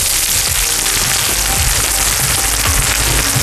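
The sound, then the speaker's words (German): Loud, steady sizzling of a meat dish served in a flat pan, topped with spring onions, red onions and a raw egg cooking in the heat. A dense crackling hiss with tiny pops runs continuously throughout, with no voices. “Oho, es brutzelt, serviert in einer flachen Pfanne. Hört euch das an.”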